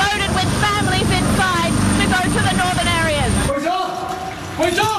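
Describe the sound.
A rescue helicopter taking off during a search for survivors where homes and businesses are buried in mud. Its engine and rotors roar loudly and steadily, with indistinct voices under the noise, before the din abruptly drops away near the end.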